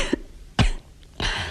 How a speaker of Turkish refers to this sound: Bak hafifledi öksürüğü.